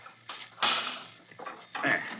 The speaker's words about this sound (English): Come, Glidden, unlock the door. This is an intricate lock, Waldemar. It takes careful handling of the key.